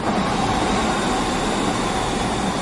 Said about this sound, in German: Was für ein schönes Geräusch. Ein Zug, der fährt. Am besten noch pünktlich.